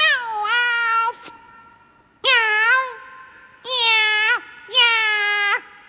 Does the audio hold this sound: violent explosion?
no